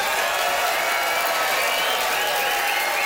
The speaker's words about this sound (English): That is it, Yellowknife. It's time to vote by applause.